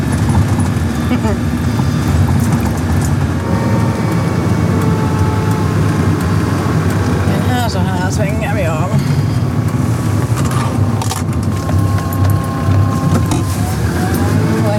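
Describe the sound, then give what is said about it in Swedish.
Steady engine drone and road rumble from a Land Rover Defender driving along a road into the forest, continuous and fairly loud throughout, with muffled voices faintly underneath. “Det är nu ett svepskäl egentligen, man kommer nog upp med en Toyota Yaris också här, men det är kivogare att köra med en Land Rover Defender.”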